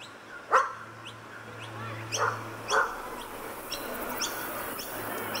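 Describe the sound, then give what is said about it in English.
A few sharp, scattered barks from dogs at an off-leash dog park ring out over a steady outdoor hum, with one bark early and a pair close together midway, plus faint chirps and a low droning tone underneath. “so I'll come to the off-leash dog park, sit down on a patch of wet grass, and watch dogs flounce around free from the constraints of a leash.”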